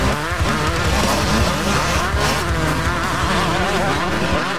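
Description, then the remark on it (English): Loud, continuous roar of speedway motorcycles racing around the track at Fast Fridays Motorcycle Speedway, engines whining and shifting pitch as several bikes blast past, with a hint of tire skidding. “And the racing explodes onto the track at 8 p.m.”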